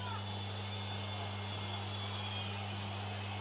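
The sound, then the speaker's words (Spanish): A stadium crowd at a football match between River and Central whistles loudly and continuously, a dense, steady shrill wash layered over a constant low rumbling drone, holding without a break for the whole few seconds. “Silbido monumental, no es un domingo cualquiera.”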